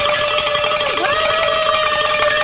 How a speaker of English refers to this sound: but we're going to ring the bells for the last hour because we hit it.